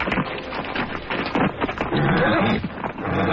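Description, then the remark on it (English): A horse neighs loudly, a long whinny with shaky, rising and falling pitch, over a steady background rumble with no one speaking. “Put that horse right back where you found it.”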